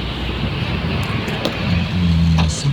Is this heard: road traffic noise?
yes